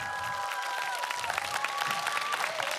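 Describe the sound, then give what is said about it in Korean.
A crowd applauds steadily for pansori singer Lee Bong-geun at a concert at the Lee Ungno Museum, a dense wash of many hands clapping throughout, with faint sustained musical tones lingering underneath. “멋진 소리 들려주신 이봉근 씨께 다시 한번 뜨거운 박수 부탁드립니다.”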